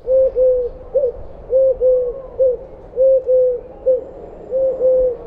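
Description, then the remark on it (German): A Eurasian collared dove calls repeatedly in clear, mid-pitched three-note phrases, a short hoot followed by two longer ones, repeating steadily over quiet low background rumble. “Die Türkentaube ruft klar und dreisilbig etwa du, du, du.”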